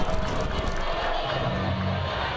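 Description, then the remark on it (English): A baseball crowd boos as the Cowboys intentionally walk batter Landon Harrison to load the bases, a steady roar of many voices with low, drawn-out groans swelling and holding throughout, loud and continuous with no single voice standing out. “The crowd boos”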